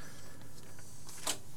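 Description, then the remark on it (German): A record player's tonearm gives a short, sharp mechanical click, with a second click right after, over a faint steady hum. No one speaks. “Und man hört das Klicken vom Arm.”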